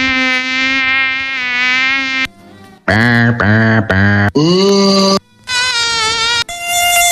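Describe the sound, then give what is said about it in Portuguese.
Loud mosquitoes whine in a series of sustained, high-pitched buzzing bursts, the pitch shifting and wavering from one stretch to the next, with brief gaps between them and no voices. “Dia Internacional do Mosquito, há aqui imensos mosquitos que estão aqui numa caixinha sonora.”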